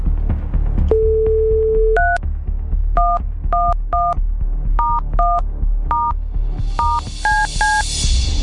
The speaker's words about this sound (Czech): Tak já to nebudu zdržovat, udělám napětí a jdu volat, protože já už vidím telefonní číslo, které mám vytočit.